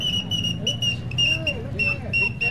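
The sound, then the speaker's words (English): A shrill, warbling genuine all-metal toy whistling bird, sold by a street vendor, trills in short repeated bursts, bright, over a low murmur of background voices. “That's right, genuine all-metal whistling birds to delight the kiddies' hearts and make their eyes dance.”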